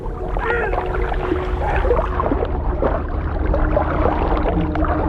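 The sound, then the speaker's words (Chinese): Harbor seals calling underwater: a string of wavering, sweeping tonal calls and short grunts rise and fall over a constant low, watery rumble, with no voices present. “我能听到赶海豹的叫声，但并不知道这些叫声的含义。”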